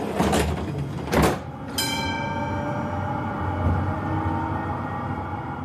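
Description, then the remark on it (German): Munich tram doors slide shut with two quick pneumatic bursts, then a chime rings out and the tram pulls away with a steady low rumble and rising motor whine. “Also nehmen Sie bitte Platz, machen Sie es sich gemütlich und dann fahren wir ab.”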